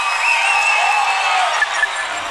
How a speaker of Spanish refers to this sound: Un fuerte aplauso